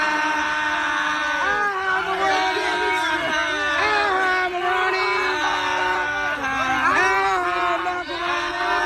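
A large crowd shouts and yells together in the long ending of a song, many overlapping voices swooping up and down in pitch, loud and sustained for the whole stretch with a few brief surges.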